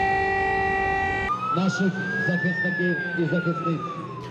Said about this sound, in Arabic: مجددا تدوي صفارات الإنذار في كييف وفي مدن أوكرانية أخرى عديدة، مجددا يتكرر السيناريو.